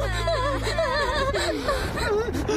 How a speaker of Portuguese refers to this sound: Olha, o … tá chorando. Eu sei. Eu tô chorando? Por que que eu tô chorando? Isso é tão lindo.